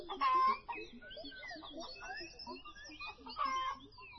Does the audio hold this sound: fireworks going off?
no